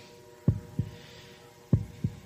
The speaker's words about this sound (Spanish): Estamos escuchando los latidos del murciélago.